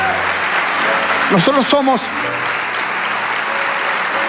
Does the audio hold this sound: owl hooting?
no